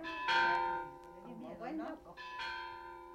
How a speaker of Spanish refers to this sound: Por fin, los hombres de Demetrio entraron a las calles de Juchipila, cuando las campanas de la iglesia repicaban alegres, con ese repicar que hacía palpitar de emoción a toda la gente de los cañones.